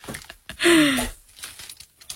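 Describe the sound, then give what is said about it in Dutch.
A bottle of white wine is uncorked: faint crinkling and scraping, then a loud squeaky, gliding creak as the cork pulls free, followed by quieter handling noises. “Wel het mooiste geluid van de dag gelijk. Kijk je, nu kijk je meteen naar de kurk en je ruikt aan de kurk.”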